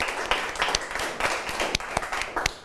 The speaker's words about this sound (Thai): ปรบมือให้กับเพื่อนด้วยนะครับนักเรียน